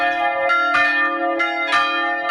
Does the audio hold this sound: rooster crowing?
no